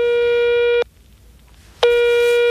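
phone ringing tone

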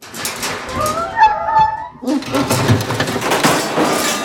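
dog whimpering

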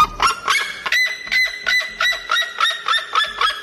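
red-legged seriema call

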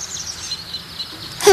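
bird call

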